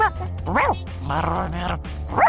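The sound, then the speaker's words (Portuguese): A person imitates a dog, giving a rough, sustained growl between short yelping, bark-like bursts. The voice is fairly loud, with no other sounds around it. “Você rosna legal, cara.”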